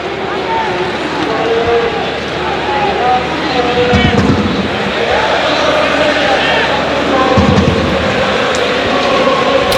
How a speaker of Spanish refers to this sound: Gritos de Burgos, Burgos, lo están escuchando aquí en el plantío.